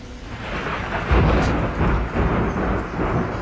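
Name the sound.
thunderstorm with thunder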